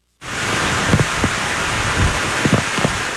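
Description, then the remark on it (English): A dense, steady roar of heavy rain from a Category 1 hurricane approaching the Big Island, loud, with gale-force wind gusting through it and a few brief low thumps from stronger bursts, continuous from start to finish with no voices. “The storm named Lala strengthened into a Category 1 hurricane as it approached the island with drenching rains and gale-force winds.”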